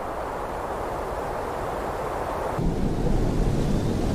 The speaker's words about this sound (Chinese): 我觉得这个到晚一点安静下来，这河水的声音 反而就凸显出来了。 更有意境， 对，而且它这种白噪音让人睡眠会特别踏实。 对对对， 你在这种白噪音上面，你一会儿就睡着了， 哗啦哗啦。